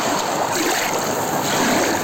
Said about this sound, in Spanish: Un paseo por la Beira do Mar. Así soan las ondas na praia de Laxe.